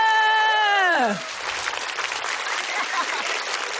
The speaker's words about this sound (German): Kann man ruhig mal klatschen an der Stelle.